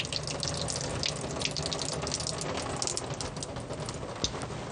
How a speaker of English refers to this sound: We're going to add some corn, just a can of corn. So I'm just going to drain the water out of that.